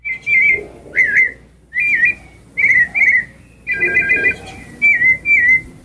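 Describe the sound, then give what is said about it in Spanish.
A common blackbird sings rich, fluting whistled phrases, about eight short melodic bursts separated by brief pauses, clear over a faint low background rumble. “Vamos a escuchar al Mirlo, que es el número uno en el mundo, que dicen este es el más melódico.”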